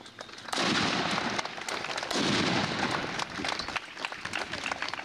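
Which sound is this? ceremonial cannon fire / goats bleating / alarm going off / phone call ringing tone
ceremonial cannon fire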